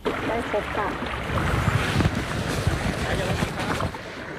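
Water splashes and sloshes as a kayak is paddled on the lake above a dam in Phu Kao–Phu Phan Kham National Park, Non Sang District, Nong Bua Lam Phu Province, Thailand, with steady wind buffeting the microphone and faint, indistinct voices in the background.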